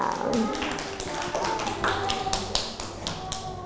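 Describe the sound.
A group of children clap their hands in a steady, uneven patter of sharp claps lasting several seconds, with faint voices murmuring underneath.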